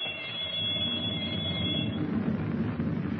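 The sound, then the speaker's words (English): A loud torpedo firing alarm bell rings continuously through the steel hull of a submerged submarine, in its control compartment, a harsh, shrill metallic clamor with a dense rumbling undertone and no voices. “he holds Captain Denning at gunpoint while the torpedo firing alarm bell rings through the steel hull”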